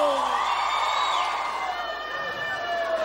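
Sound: audience shouting and cheering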